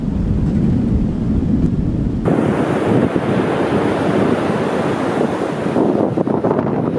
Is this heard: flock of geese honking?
no